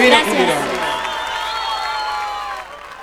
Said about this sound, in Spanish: Las manos en el aire, aplauso para ella. Muchísimas gracias.